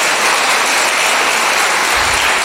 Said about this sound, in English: Well done for all you've done. You all deserve a round of applause.